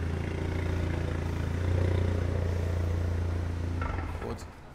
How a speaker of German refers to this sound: Auf dem Gelände der Polizei untersuchen die Beamten den Wagen nach Mängeln. Der Halter muss das Auto auf eine Hebebühne fahren.